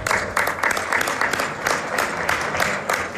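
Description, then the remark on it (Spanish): Steady applause from many people for the young listeners, the pupils of número 7 and their teachers, a dense patter of many hands clapping at once, sustained for the whole stretch without pause. “Este aplauso es para vosotros.”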